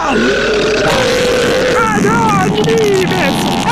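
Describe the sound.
A loud, drawn-out burp rumbles continuously for several seconds, its pitch wavering and gurgling, with a bit of voiced strain mixed in.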